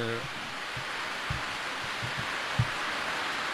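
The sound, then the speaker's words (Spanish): Steady, dense hiss of falling rain mixed with hail runs throughout, broad and even, with a few soft low thumps scattered through it. “estamos en estos momentos, está cayendo la lluvia.”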